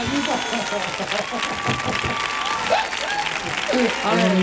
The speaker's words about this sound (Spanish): Bienvenido a tu casa, amigo. Fuerte el aplauso para el taller.